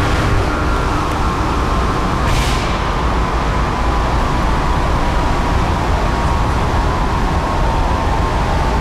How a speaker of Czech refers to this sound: Vydávám pokyn k odstavení hlavního ventilátoru na dole ČSM lokality Jih dle příkazu závodního dolu.